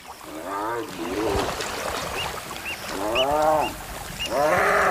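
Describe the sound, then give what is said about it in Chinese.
Two male spotted hyenas fighting, one biting and holding the other fast, giving loud wavering squeals and moaning cries in rising-and-falling bursts, with short high yelps and rough scuffling noise running underneath throughout. “它此刻遇到了竞争对手，被另一只斑鬣狗牢牢咬住，无法挣脱。”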